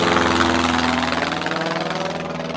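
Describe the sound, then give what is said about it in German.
A firefighting airplane drones steadily overhead above a burning forest, opening its hatches to drop a tank load of water onto the flames; its loud engine produces a continuous throbbing roar with a low hum beneath. No voices are heard. “Als letztes kommt sogar ein Löschflugzeug.”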